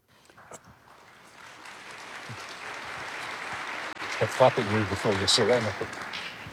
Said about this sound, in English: Clapping before you say anything.